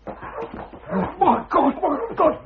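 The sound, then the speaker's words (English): A dog barks and whimpers in a run of quick, agitated yelps and whines, fairly loud, coming in uneven bursts over a couple of seconds. “The dog's got loose.”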